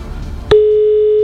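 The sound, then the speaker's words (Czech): A steady, mid-pitched telephone ringing tone on an outgoing call from Rádio Blaník to a contest entrant cuts in sharply after a moment of low background rumble and holds at an even, fairly loud level to the end. “Hlásím, že i zvoníme už někde u někoho.”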